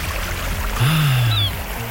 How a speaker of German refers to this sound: Die Wellen und die Möwen.